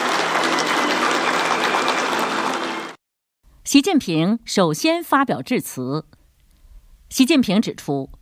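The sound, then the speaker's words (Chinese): About three seconds of warm, dense applause from a large crowd in Beijing's Great Hall of the People as Xi Jinping and Vladimir Putin enter the opening ceremony of the China-Russia Year of Education; steady and loud, it cuts off abruptly and a man then begins speaking in short phrases. “5月20号下午，国家主席习近平同俄罗斯总统普京在北京人民大会堂共同出席中俄教育年开幕式，两国元首在热烈的掌声中一同步入会场。”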